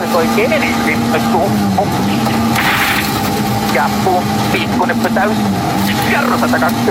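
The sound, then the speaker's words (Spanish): A loud rally car engine roars continuously, its pitch dipping and climbing as if shifting gears, while a voice talks over the noise. It is Sami Pajari's car at the Rally Mundial del Biobío, during the Super Sunday stage. “Este es el auto de Sami Pajari.”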